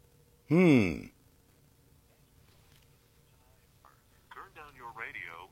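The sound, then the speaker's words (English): A single loud, brief ring from a radio studio phone on line one bursts out near the start, then fades into quiet before a voice starts talking faintly toward the end. “My phone is ringing in on line one.”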